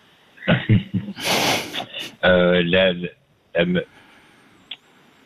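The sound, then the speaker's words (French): A person clears their throat because of smoking cigarettes, with a harsh, raspy burst followed by a couple of rough voiced grunts, then a short final cough-like clearing before quiet. “Pardon, c'est la cigarette qui me fait racler la gorge”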